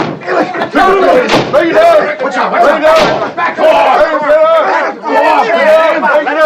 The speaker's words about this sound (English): Felix runs into the bedroom and slams the door.